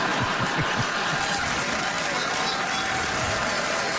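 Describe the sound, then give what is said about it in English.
A crowd in Winnipeg claps steadily for a few seconds, a dense, even wash of applause with no talking over it. “Regina will really appreciate that applause break.”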